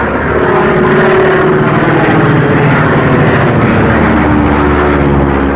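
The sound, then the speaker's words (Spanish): A small propeller plane's engine, straining and unable to climb any higher in a storm, drones loud, a steady, laboring roar with a buzzing harmonic hum that never lets up, with no voices. “comprendía que la avioneta no tenía capacidad para ascender más”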